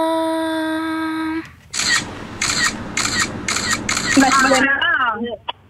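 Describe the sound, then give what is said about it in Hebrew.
A steady electronic tone cuts off, then a phone camera shutter clicks about five times in a quick, even burst, loud, with voices talking over the final clicks. “זה כאילו היה צילום מסך, סקרין שוט, אבל בסדר, אנחנו ניתן לכם את זה.”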